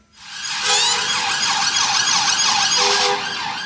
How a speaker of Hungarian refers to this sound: Szirénázva, más járművek kíséretében érkezett a bíróságra Londonban az a rendőrségi furgon, amely a szerdai terrortámadás gyanúsítottját szállította.